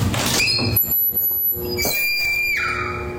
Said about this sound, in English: No, this is the door entryway into the bathroom, and this one actually sounds like a horror movie scream. Like a woman screaming. Yes. Listen to this. I've never heard this happen before.